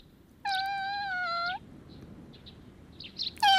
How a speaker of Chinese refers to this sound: 猫猫，你是不是也饿了？你等着，我给你拿。喏，猫猫吃饱了。